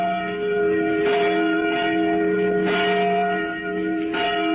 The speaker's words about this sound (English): We made this record of a church bell ringing in Boston just a few days back. And yet the bell itself was manufactured in 1816. That's 136 years ago, by the man who once rode through every Middlesex village and farm.